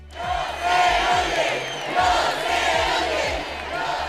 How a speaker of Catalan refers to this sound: Són xiulis del públic pel baix volum de les actuacions del Festival de les Arts.